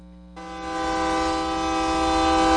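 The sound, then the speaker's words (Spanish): A loud, sustained whistle blast with a rich, buzzy harmonic tone kicks in after a brief low rumble and holds steady for over two seconds, with no one talking. “y el pitido nos escucha.”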